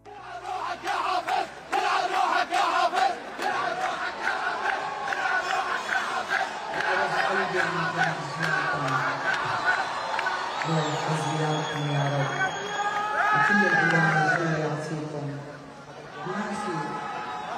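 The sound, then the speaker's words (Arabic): A large crowd chants slogans in loud, rhythmic unison, voices rising and falling in repeated phrases with occasional whoops and shouts, sustained throughout without pause. “العديد من المقاطع المصورة التي وثقت هتافات مشابهة.”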